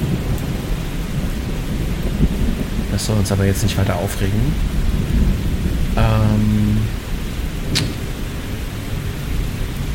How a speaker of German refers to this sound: Ja, es regnet.